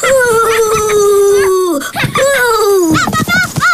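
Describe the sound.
A voice imitates a ghost's wail: two long, wavering, slowly falling howls, loud, then a few short trailing vocal bursts.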